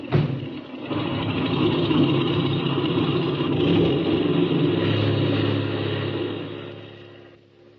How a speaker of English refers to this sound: Now, set your brakes. Open that motor. And when I wave to you from the outside, take her off.